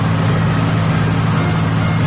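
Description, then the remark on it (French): A boat engine drones steadily as the boat approaches, about to arrive at the port, a loud, low rumbling hum with a constant pitch and a broad hiss on top, holding even throughout with no voices. “Ah, ils arrivent. Vous entendez le bateau.”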